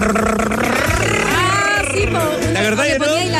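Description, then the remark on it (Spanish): A voice buzzes and revs like a motorcycle engine, imitating plastic yogurt containers fixed at the brake and wheel of a bicycle, a continuous rising and falling rattle lasting a few seconds, loud. “Y otra cuestión que yo hacía cuando nos regalaron las Crocs, agarrábamos los envases de plástico de los yogures y se los poníamos atrás al freno y la rueda y sonaban como motos así.”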